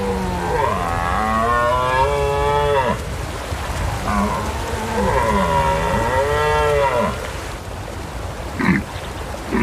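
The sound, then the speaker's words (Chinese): A male European red deer bellows twice, each long, strained roar lasting a few seconds with rising and falling harmonics, separated by a short pause; a brief rustle follows near the end. “每一次对抗都在消耗这只雄性欧洲马鹿的体力，它必须击退一波又一波的挑战者。”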